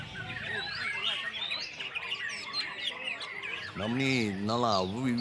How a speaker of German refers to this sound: ein sehr feines Gehör haben, um dieses Vogelkonzert schätzen zu können.